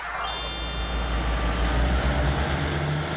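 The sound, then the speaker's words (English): The East Sea train pulls away from Jeongdongjin Station, heading along the eastern coastline toward Samcheok, with a deep, steady mechanical rumble, opening with a sharp hiss of released air and a thin high whine that fades, then a continuous loud drone with no voices. “The train departs from 정동진 Station, and it passes through Mukho, Donghae, and Chuam, and heads to Samcheok Beach and Samcheok City.”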